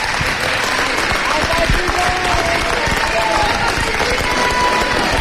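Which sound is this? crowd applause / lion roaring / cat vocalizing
crowd applause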